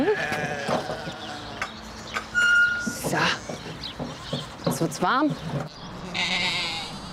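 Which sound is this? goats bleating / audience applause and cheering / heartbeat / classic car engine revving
goats bleating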